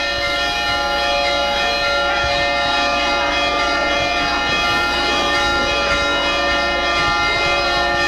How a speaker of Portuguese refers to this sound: Estamos ouvindo aí os sinos da nossa catedral, anunciando a chegada da procissão com o Santíssimo Sacramento.